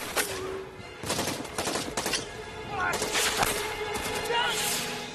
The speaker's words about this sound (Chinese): 枪炮声再次响起，仅剩的几个战士奋勇抗击大批的美军士兵。